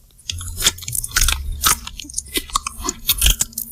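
A bearded vulture chewing, with repeated sharp crunches and cracking bites in an irregular rhythm over a low rumble, loud and with no talking.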